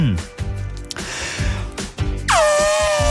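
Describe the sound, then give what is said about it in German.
Breathy vocal sounds lead into a loud, sustained brassy blast near the end, a human voice imitating the trumpeting of a particular elephant from a TV show, strong. “du hast gesagt, du kannst einen Elefanten Ich kann einen Elefanten.”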